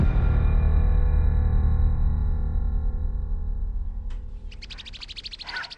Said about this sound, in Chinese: 喜鹊，哎，你看，外面好多喜鹊在叫呢。你听，哎， 天黑了，喜鹊回窝了。